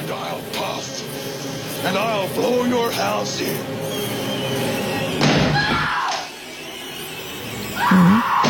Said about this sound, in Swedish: Här hör vi hur han hugger med yxan i dörren. Och den här yxan som används i filmen, den kan få ett nytt hem, för den är till salu.